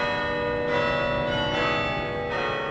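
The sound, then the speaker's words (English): Large bells ring out at lunchtime on Yale's campus in New Haven, Connecticut, in a steady sequence, with fresh strikes roughly every second layering over long, shimmering overtones that hang in the air. No voices, just the resonant peal at moderate volume. “At Yale's campus in New Haven, Connecticut, the bells rang every lunchtime.”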